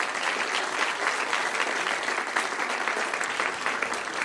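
An audience claps steadily, a dense wash of many hands that stays even and sustained for several seconds, with no voices rising above it.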